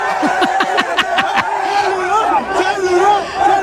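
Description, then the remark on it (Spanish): A large crowd cheers and chants loudly as a woman unlocks a phone with its passcode to prove it is hers, with rhythmic pulses in the first seconds over a dense, continuous roar of many voices. “¡Lo logra! ¡Y hay porra!”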